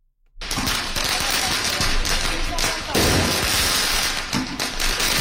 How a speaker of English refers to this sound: Student protesters launching firecrackers at riot police in a Paris suburb.